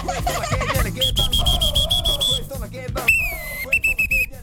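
Two referee whistles blown one after the other: first a long, steady, shrill blast, then a slightly lower-pitched one that breaks into short choppy toots, over a low rumble of background noise.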